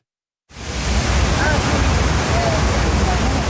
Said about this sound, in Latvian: Ir silta septembra pievakare, un Ņujorkas pilsētas troksni vismaz šajā vietā slāpē ūdenskrituma šalkoņa.